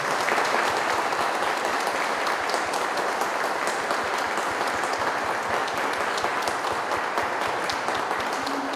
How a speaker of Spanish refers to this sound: Le damos todos un fuerte aplauso a Cristo Rey.